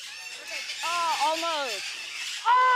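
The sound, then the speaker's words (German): Birds squawk in a few loud, wavering calls as the next birds are let in: a long cluster of rising-and-falling squawks, then a sharp fresh burst near the end, all over a steady background hiss. “schau ich mal die nächsten Vögel rein, bitte.”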